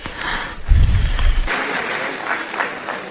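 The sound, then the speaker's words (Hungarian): An audience at the 36th youth festival claps steadily to welcome a Franciscan friar, a dense crackle of many hands at moderate loudness, with a brief low rumble partway through. No one speaks over it. “Köszöntsétek őt egy nagy tapssal.”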